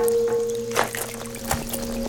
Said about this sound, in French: La pluie, les flaques, ses pattes. Oh, tout fait du bruit.